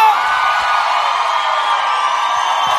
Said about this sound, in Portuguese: Uma salva de palmas